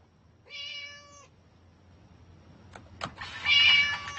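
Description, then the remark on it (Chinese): Doubao, an orange cat, meows twice: first a clear, steady meow, then after a pause and a couple of soft knocks, a louder, harsher, more drawn-out meow. No one speaks. “话说得好，马中赤兔，猫中大橘，我们豆包呢就是橘猫中的吕布。”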